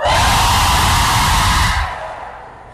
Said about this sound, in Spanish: Por último, viejas gritonas, un grito de júbilo.